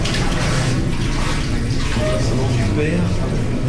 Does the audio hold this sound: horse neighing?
no